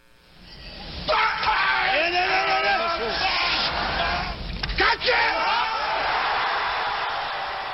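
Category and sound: human body sound, weightlifter's effort grunt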